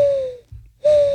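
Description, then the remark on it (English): A person imitates a mourning dove, making two steady, hollow coo notes separated by a short pause. The voice is fairly loud, with no talking. “Morning dove. I don't believe it. Sounds like an owl.”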